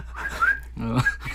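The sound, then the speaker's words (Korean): A singer whistles a short, smooth melodic phrase with gliding pitches, clear, over a low steady background hum, with a brief lower tonal sound partway through. “가수님 휘파람 소리는 언제 들어도 슬픈 감성이 새록새록 느껴져요.”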